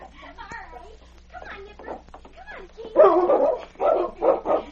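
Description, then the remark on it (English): Dogs, among them King, bark and yip excitedly in a quick, uneven flurry while a dog and a child play together, growing louder and more frantic in the second half, with a few whimpers mixed in and voices faintly underneath. “there's nothing nicer than a dog and a child playing happily together.”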